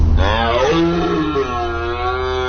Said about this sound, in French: C'était le brame du cerf.